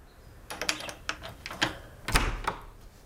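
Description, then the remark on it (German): A string of sharp mechanical clicks and rattles, like a key turning in a lock, then a louder clunk as a door opens, with no one speaking. “Seit wann schließt du die Tür ab?”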